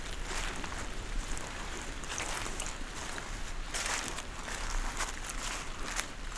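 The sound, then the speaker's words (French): Water droplets run down the trunks and branches of a beech forest and drip steadily after the rain has stopped, a dense scatter of soft irregular taps over a constant airy hiss, with no voices and no clear rhythm. “Vous entendez, alors que la pluie a cessé, les gouttelettes d'eau qui dégoulinent le long des troncs et des branches de la hêtraie.”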